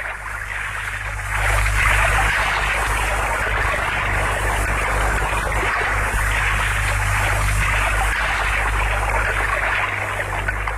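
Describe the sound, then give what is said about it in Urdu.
The Euphrates river flows with rising waves in a steady, rushing wash of water, continuous and fairly loud throughout, with a faint low hum underneath and no voices. “کون سا دریا ہے جس کی ابھرتی ہوئی موجیں آتش غم کو ہوا دے رہی ہیں؟”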